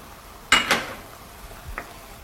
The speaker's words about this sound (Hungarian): Kicsit kevergetjük a hagymát, ugye le ne égjen.